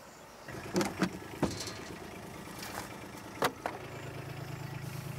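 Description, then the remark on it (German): A car engine hums low and steady, swelling louder toward the end as the vehicle pulls up, with a few sharp clicks and thumps scattered through the first half and no one speaking. “So, dann kommen wir her mit dem Auto.”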